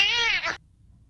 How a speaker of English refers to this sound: This is one of Ryan's personal favorites, a cat meowing at a Ring doorbell camera.